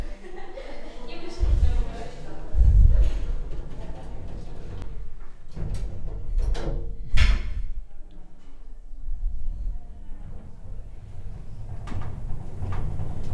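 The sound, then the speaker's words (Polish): An elevator heading down: sliding door and mechanical clunks early on, then a steady low hum of the moving car with occasional knocks and rattles. “Teraz, proszę Państwa, wsiadam do windy. Przypominam, że mikrofon jest skierowany na windę i zjedziemy na dół całkiem.”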